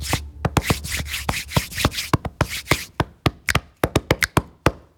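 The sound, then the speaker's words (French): Hands slap, tap and rub against the body in a quick, percussive pattern: brushing swishes between sharp smacks at first, then a sparser run of crisp, loud slaps. No one speaks. “Notamment grâce à notre voix et à notre corps que l'on peut frapper, frotter, faire claquer.”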